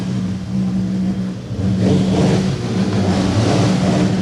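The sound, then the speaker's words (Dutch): Motorbike engines rev loudly and continuously on a cleared street, their deep droning growl rising and falling in pitch as the throttles are worked, with no voices heard. “En daar staan ze weer allemaal die motors helemaal tekeer te laten gaan.”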